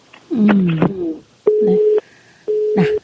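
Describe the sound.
A brief snatch of a voice, then a telephone busy tone after a dropped phone call: two steady, loud beeps about half a second each, separated by equal pauses, with a faint distorted voice over the second beep.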